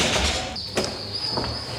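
A door opens after a keypad code entry: a sustained high electronic tone sounds as the lock releases, with a couple of mechanical clunks over a broad hissy background.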